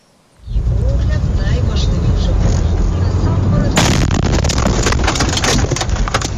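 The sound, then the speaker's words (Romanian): A steady low rumble gives way to a sudden, very loud explosion as a kamikaze drone strikes in the middle of a town in Zaporizhzhia, Ukraine, in broad daylight, recorded by the dashboard camera of a car right beside where the drone fell, followed by harsh crackling and rattling bursts that continue to the end. “O cameră de bord dintr-o mașină a surprins momentul în care o dronă kamikaze lovește chiar în mijlocul unei localități.”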